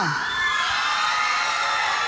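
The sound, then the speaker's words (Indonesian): A loud crowd of supporters of a contestant cheers and shouts continuously, a dense wall of overlapping high-pitched voices and screams without a break. “Tapi sebelum itu kita nak dengar dulu sorakan di mana penyokong”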